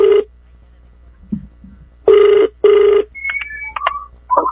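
A phone's ringback tone sounds on an outgoing call to a user of Wonder Herbal Oil products: steady buzzing rings in short bursts, two close together after a pause, followed by a few brief higher beeps and tones from the line.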